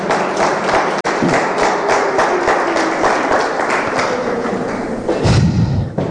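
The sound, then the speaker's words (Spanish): A church audience bursts into loud, sustained applause for the Lord during a sermon, dense overlapping claps with thumping beats throughout, continuing for several seconds without speech. “Den un aplauso poderoso al Señor.”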